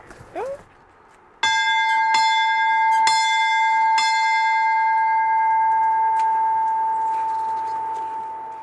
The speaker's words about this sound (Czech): Co říká tvoje babička, ať nám ten zvon nespadne na hlavu? Je fakt velký, nebo?